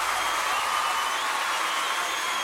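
An audience claps steadily after being urged to applaud louder, a dense, hissing wash of many hands that holds at an even loudness for the whole stretch, with no voices rising above it.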